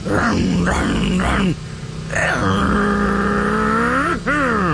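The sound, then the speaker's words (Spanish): A voice imitates a motorcycle engine revving: three quick throaty revs, a brief pause, then a long sustained growl that climbs in pitch and drops before one final rev, loud; imitating a man throttling his motorcycle. “Imagínense al compadre, pero pisándole a la moto.”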